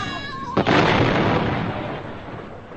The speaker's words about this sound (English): The giant capsule was today exploded and went bang.